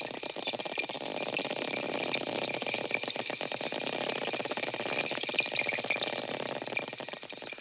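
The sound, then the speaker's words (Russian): Echolocation clicks of four dolphins recorded underwater in a pool as they investigate a microphone lowered into it: dense trains of sharp, rapid clicks that speed up and thin out, over a steady hiss with faint high-pitched tonal hums. “Сейчас четыре дельфина изучают микрофон, который опустили в бассейн.”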